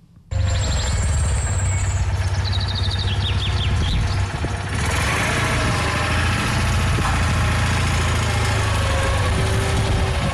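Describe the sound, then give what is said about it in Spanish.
A van engine runs steadily throughout, a continuous low rumble with a droning hum, while birds chirp faintly in the background. “Y ya que estamos, vamos a escuchar cómo sonaba en versión furgoneta, que yo creo que variaba un poco.”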